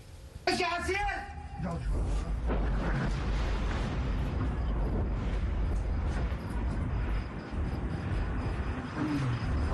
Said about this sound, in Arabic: قد أفاد مصدر عسكري إسرائيلي بأن تفجير أنفاق علي الطاهر مجرد عملية محدودة في إطار تفاهمات الاتفاقية مع لبنان، مشيرا إلى أنه نفذ داخل المنطقة الأمنية جنوب لبنان.